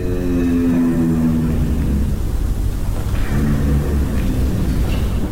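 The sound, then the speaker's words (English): A giraffe's deep, droning hum at night, rich in overtones, holds steady for a couple of seconds before fading into a constant low rumbling background noise. No one speaks. “A low vocal sound that they call a hum. They believe giraffes use this hum to communicate.”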